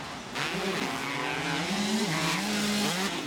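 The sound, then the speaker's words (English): Motocross bike engines rev hard and loud as two riders race neck and neck, a continuous high-pitched whine that climbs and wavers in pitch for the whole stretch, with no voices over it. “Oh, they are revving these things out hard. They're running them really hard right now.”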